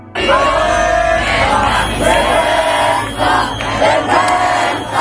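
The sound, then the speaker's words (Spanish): Hundreds of protesters gathered around the lower house of parliament shout in unison after the repeal votes, loud and sustained, with rhythmic surges of massed voices chanting slogans over a constant roar of many people. “Las derogaciones han hecho saltar a los centenares de manifestantes que llevaban desde primera hora alrededor de la Cámara Baja.”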